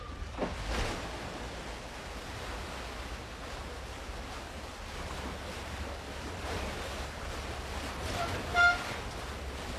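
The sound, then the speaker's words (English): Steady outdoor riverside ambience by the Murray River in the Riverland, Australia: a broad, constant wash of flowing water and wind noise, fairly even throughout, with a brief faint chirp near the end and no voices. “Well, I'm not on the Murray. I'm by the Murray.”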